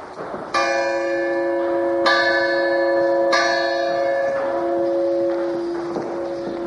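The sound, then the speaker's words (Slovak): A single church bell from the late 17th century rings out in three slow, strong strokes, each leaving a rich, shimmering hum that lingers and overlaps before gradually fading. No voices are present. “Zvon z konca 17. storočia.”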